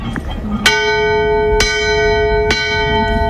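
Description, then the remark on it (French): A ship's bell rings three times at an even, unhurried pace, the signal that danger lies straight ahead of the boat. Each clear metallic strike rings on and overlaps the next, over a steady low rumble of background noise. “Et si le danger vient de droit devant, c'est trois coups de cloche.”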